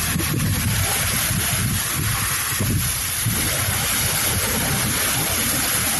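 Loud ocean waves roar continuously at the seashore of a coastal community threatened by coastal erosion, a dense wash of surf with low rumbling surges rising and falling, with no voices.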